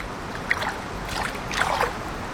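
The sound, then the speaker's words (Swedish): Shallow river water swishes and splashes around wading feet, a few soft sloshing bursts over a steady low rush, with no voices. “It's really quite fun to have your feet in the water.”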